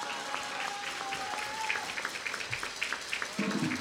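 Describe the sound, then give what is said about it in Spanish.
A crowd applauds the winner of a boom sprayer raffle prize with dense, crackling clapping that runs steadily throughout, with a brief sustained tone and a lower murmur of voices rising near the end. “Un aplauso.”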